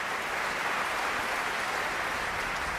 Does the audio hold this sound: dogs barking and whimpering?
no